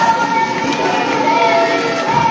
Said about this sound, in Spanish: ¡Fuerte un aplauso!